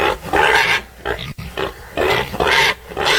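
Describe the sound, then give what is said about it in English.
Several pigs squeal and grunt in loud, harsh bursts, overlapping in a noisy chorus with brief gaps between surges, intense, as they expect their food. “But the pigs really get loud and intense when they're expecting their food.”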